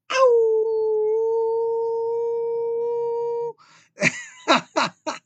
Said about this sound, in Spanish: gran saludo junto con su aullido.